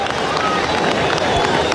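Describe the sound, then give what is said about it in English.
A dense, steady roar of a baseball crowd cheering for Cole Young after he hits a double, with broad wash and scattered vocal cheers, loud and continuous throughout. “And you can hear his cheering section.”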